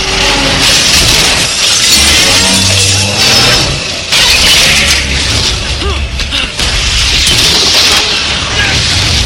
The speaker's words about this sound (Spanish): Morgan acelera la camioneta con dirección a la armazón del camión. Impacta contra el armazón haciendo que este destruya al dron.